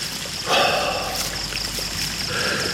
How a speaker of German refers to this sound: Ein Marmorspringbrunnen sprühte Wasser in die vom Duft der Jasminblüten erfüllte Luft.